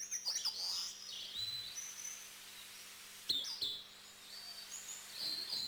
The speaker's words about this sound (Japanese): 体長およそ14センチ、小さな鳥です。けれどその姿は森の中でひときわ目を引きます。